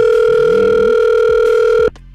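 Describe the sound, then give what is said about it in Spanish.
A steady, loud telephone ringback tone of an outgoing call hums continuously for nearly two seconds, then cuts off abruptly as the line connects, with no voices over it. “Ahí ponte trucha con tu celular, ¿eh? Si es que te va a sonar, vibrar. Contesta.”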